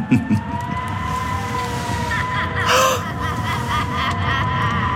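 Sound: wind howling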